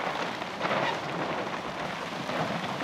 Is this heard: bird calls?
no